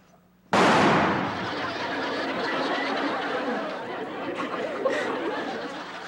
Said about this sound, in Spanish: ¿ya viste cómo truena de fuerte mi rifle? Ay, no, yo no he visto nada. ¿Cómo truena, eh?